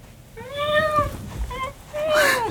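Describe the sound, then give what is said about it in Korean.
A black tuxedo cat, tail held upright, meows three times in quick succession as it runs toward someone; the meows are clear, the first and last calls long and rising-falling, with a shorter meow in between. “구석에서 꼬리를 고추 세운 새까만 턱시도 고양이가 울며 현우에게로 달려왔다.”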